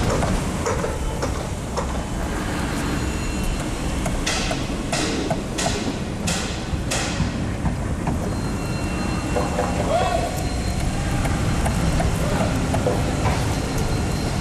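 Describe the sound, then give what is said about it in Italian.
A jackhammer, excavators and a bulldozer: a steady, loud diesel rumble throughout, broken midway by a quick run of about five sharp, rattling hammer bursts. “Sentite come il martello pneumatico si accorda con le scavatrici, mentre la ruspa fa da sottofondo.”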